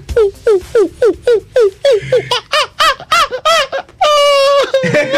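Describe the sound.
A voice imitates a depressed monkey on the morning show of radio station Sfaira 102.2: a rapid series of about fifteen short, squeaky hoots, growing more agitated before ending in one longer, drawn-out wavering cry.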